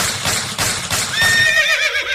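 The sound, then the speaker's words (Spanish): A horse whinnies loudly with a rising, wavering cry over a steady series of hoof clops as a man rides it toward coffee plantations. No talking. “Luego, al llegar al rancho, se montó en su caballo y se fue para los cafetales.”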